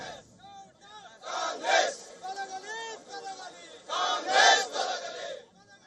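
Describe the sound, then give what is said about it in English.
Hundreds of BJP workers protest near the KRS dam in Mandya, Karnataka, against the D.K. Shivkumar government, shouting together: many overlapping raised voices form a steady roar that swells into two louder, rousing surges before tapering off. “In Mandya, hundreds of BJP workers staged a protest near the KRS dam against the D.K.”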